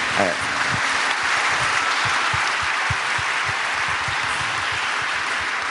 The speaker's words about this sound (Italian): se volete fare l'applauso al Papa ci sta sempre.